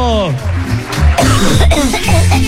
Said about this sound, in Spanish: Oiga, con toda la emoción que estamos, viene tosiendo ya.